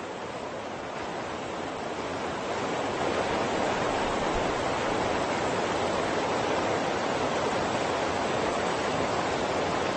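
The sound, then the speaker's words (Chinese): Steady, dense rush of water roaring, a river churning near a waterfall, where fish swim upstream against the current, swelling slightly louder after the first couple of seconds and continuing without pause. No voices. “鱼儿们为了寻找更多的食物，用尽全身的力气逆流而上。对他们来说，幸福的生活就在瀑布那边。”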